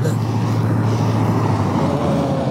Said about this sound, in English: Truck. See the truck?